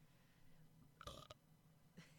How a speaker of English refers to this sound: That was a soft-ass burp.